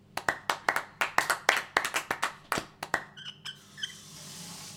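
A small group claps for several seconds, the sharp, irregular hand claps building quickly and then thinning out, with a couple of faint high chirps as the applause fades.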